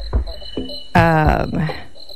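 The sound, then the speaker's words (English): Night forest ambience with a steady, high-pitched chirping of crickets throughout, broken by a few louder, tonal animal calls near the middle and some soft low thumps. “Still got a little frog in my throat, really from all this Forest Night atmosphere.”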